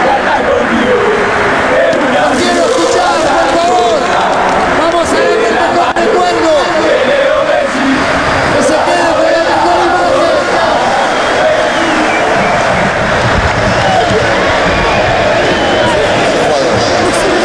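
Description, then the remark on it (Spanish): A huge stadium crowd at the Monumental chants and roars continuously for Lionel Messi and the Argentina national team, thousands of voices blending into a dense, loud wall of singing and shouting with rising swells and occasional whoops. “Y ahí sigue, en los cánticos.”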